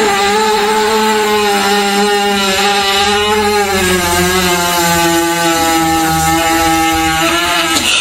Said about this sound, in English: Yeah, you missed the horse fart.